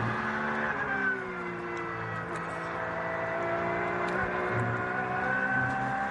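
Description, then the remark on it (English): A Porsche race car engine drones steadily at high revs, its harmonic pitch sliding slightly as it powers along a clear circuit, loud throughout with no talking. “Porsche, who's giving us a little masterclass on how to drive this clear track for him at the moment”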